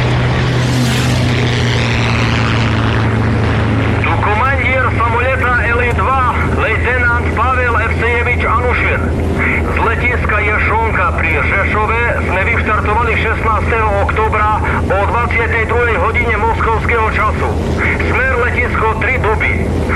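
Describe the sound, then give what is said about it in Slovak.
A steady, loud low-pitched airplane engine drone fills the cabin at the back of the plane near the tail for the whole stretch, with people talking over the constant hum. “Nie je dobré aj tu vzadu, pri chvoste lietadla.”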